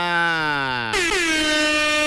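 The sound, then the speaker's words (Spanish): A loud, blaring wake-up horn effect played at 6:39 a.m., with rich stacked harmonics, holding one pitch for about a second before jumping abruptly to a higher, brighter tone that sustains to the end. No voices. “Vámonos con un despertador, damas y caballeros”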